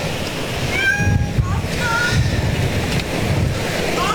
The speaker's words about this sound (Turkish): Sizin kedi mi? Gel, burada bir, bu tarafta hanımefendinin kedisiymiş.